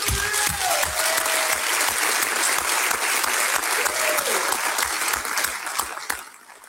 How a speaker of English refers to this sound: It takes an enormous amount of courage to run for office, and you both have shown that. I appreciate what you have had to say. Could we have a round of applause for all of our candidates?